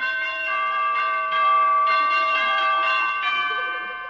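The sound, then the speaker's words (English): Wedding bells peal continuously, overlapping strikes ringing out every half second or so, their long metallic tones blending into a bright, steady chime with no voices present. “Yes, one of these days, wedding bells may be ringing for Honest Harold.”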